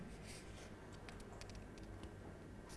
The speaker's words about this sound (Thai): เราจะพับเส้นตรงกลางนี้แล้วนะคะเด็กๆพับกระดาษเฉียงไปด้านหน้า